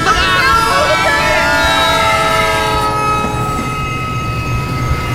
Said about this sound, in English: The train went right over him.